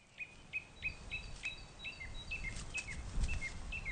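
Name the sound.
birds chirping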